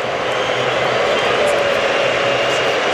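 Egyptian football supporters, massed behind the goal, whistle during a penalty shootout against Australia as Irvine faces the goalkeeper. A dense, sustained wash of shrill whistles blends into a steady crowd roar that holds at an even, loud level for the full three seconds.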